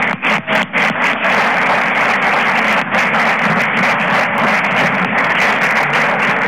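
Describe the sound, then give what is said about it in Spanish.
An audience breaks into applause for a guest being introduced, a few separate claps quickly building into a dense, steady wash of clapping that stays loud and even throughout, with no voices over it. “hacemos un aplauso a Natividad Herrán.”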